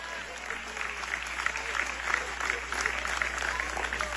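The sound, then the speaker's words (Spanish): An audience breaks into sustained, steady applause for the Lord, a dense wash of clapping that holds at an even, moderate loudness throughout, with a faint murmur of voices mixed in. “Dile un aplauso fuerte al Señor, no se duerma.”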